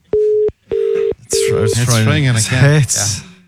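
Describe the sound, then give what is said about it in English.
Three short, steady electronic ringback tones from an outgoing phone call pulse in quick succession, clear, before a person begins talking over the end of the last tone. “It's ringing again. It's ringing.”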